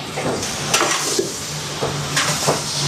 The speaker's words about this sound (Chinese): 多放一点，把这个酒精炒出来，然后酒香味出来， 酒香味出来。